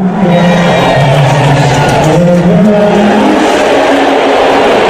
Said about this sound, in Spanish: De repente enfocan en las pantallas a Donald Trump. A mí me parecen abucheos, pitos, no sé, pero no te a veo. Lo mejor no, pero mira, así sonaba directamente en la grada.